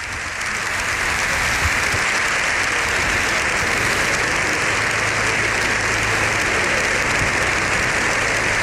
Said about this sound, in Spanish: Bueno, pues ahí tenemos el sonido del hemiciclo. Lo escuchamos los aplausos de Congreso y Senado en sesión conjunta. Las tribunas llenas también por las imágenes que estamos viendo.